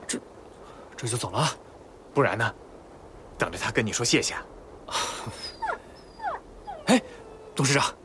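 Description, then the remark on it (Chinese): A wounded three-legged wolf whimpers in a series of short, high, whining cries and moans as it is bandaged with a scarf, with brief pauses between them and people talking at moments. “哎，三腿狼，我给你包上啊，包厚点，再勒紧点。”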